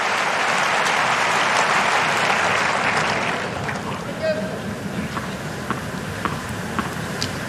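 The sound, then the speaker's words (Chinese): A tennis crowd cheering on Sinner applauds and cheers in a loud, dense roar for about three seconds, then it thins to softer scattered claps and murmuring. “现场观众也都在给辛纳加油。”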